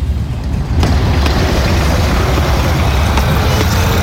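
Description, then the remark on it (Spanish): Steady rumble of street traffic with vehicles droning past, dense low-frequency engine noise filling the scene, plus a few brief sharp clicks or knocks scattered through the roar. “¿Qué le parece si aprovechamos el tráfico?”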